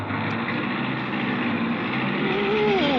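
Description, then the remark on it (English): A steady, loud car engine drones throughout after being started, and near the end its pitch climbs as the engine revs up. No one speaks. “You've got to step on the brake. Step on the brake? To start my car?”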